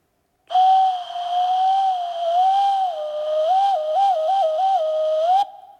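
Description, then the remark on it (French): A cuckoo tries its call but produces one long, wavering whistle instead of the familiar two notes, wobbling and trilling toward the end before cutting off abruptly. Fairly loud, with no talking. “Il sait même plus faire coucou!”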